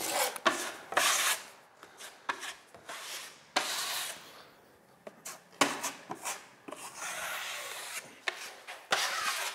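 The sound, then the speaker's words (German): Sanding of a wall during interior renovation of a house: repeated rough, rasping strokes in an uneven back-and-forth rhythm, some short and some drawn out, with brief pauses between them and no voices. “Ich bin gnarrt beim Innenausbau, beim Verspachteln und beim Schleifen.”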